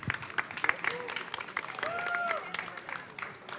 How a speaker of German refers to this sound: Ihr habt ja nun am meisten hier hinter den Kulissen mitgewerkelt und dafür gesorgt, dass das alles hier ordentlich über die Bühne geht. Mein Gott, dafür mal einen kräftigen Applaus, bitte.